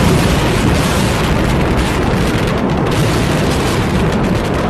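A loud, sustained roar of a ballistic missile explosion over Riyadh, Saudi Arabia, from a Houthi attack, with heavy low rumble fills the entire recording, holding a steady, distorted intensity without clear separate blasts and no voices.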